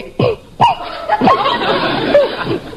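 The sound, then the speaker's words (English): A woman clears her throat before singing, in a series of short, rough, voiced bursts, a few sharp grunting ahems followed by a longer rasping stretch, with no words spoken. “Pardon me while I clear my throat.”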